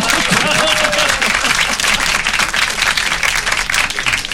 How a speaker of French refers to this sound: Oui, alors sirote. On applaudit.